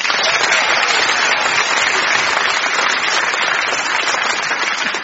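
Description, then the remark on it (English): A steady round of audience applause, dense and loud throughout, many hands clapping together in a continuous wash of sound with no voices standing out. “No treasure for anyone, but merely a round of clapping thunder.”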